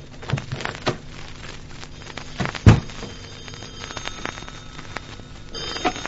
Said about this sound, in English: I rode the elevator to the top floor and reached my keys as I moved down the passageway to the penthouse door. I could hear the phone ringing inside, and I opened the door in a hurry.